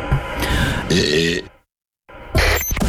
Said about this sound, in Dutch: En dit is een bescheiden boertje.